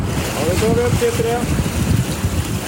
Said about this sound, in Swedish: Forskningsfartyget Svea vinschar en blåsig tisdagmorgon upp en ställning med tuber ur havet efter att ha hämtat vattenprover från olika djup.